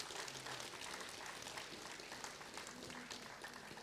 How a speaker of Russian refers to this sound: Давайте ему поаплодируем, пусть получит свою порцию аплодисментов.